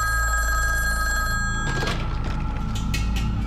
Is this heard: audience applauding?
no